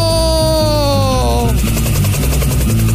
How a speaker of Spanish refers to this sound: Estamos al aire. Vamos. Este avión, este helicóptero, qué bacán, es veloz. Sí, este es veloz, ¿no?